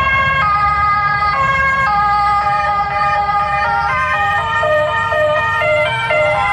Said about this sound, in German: Und das war die Rettung? Das war jetzt die Rettung, okay.